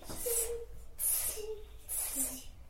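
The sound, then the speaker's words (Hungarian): A child makes three breathy, drawn-out hissing sounds in steady succession, the kind of "psss" noise used to call a cat, fairly loud with faint voicing underneath. “Jó, hívjuk a cicát.”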